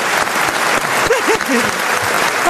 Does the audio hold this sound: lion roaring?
no